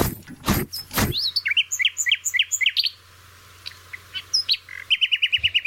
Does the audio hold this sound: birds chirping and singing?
yes